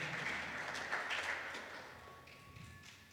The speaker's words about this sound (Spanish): ¿Cuántos padres le dan un fuerte aplauso al Señor?